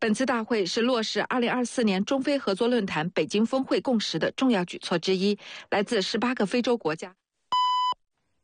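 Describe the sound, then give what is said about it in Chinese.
A radio time-signal tone marking 7:30 on Zhejiang Voice radio: after several seconds of continuous talking, a single clear, fairly loud electronic beep sounds alone for about half a second at the end. “现在是7:30，位于车管所大院内的省级服务规范车检站华新车辆检测站为您报时”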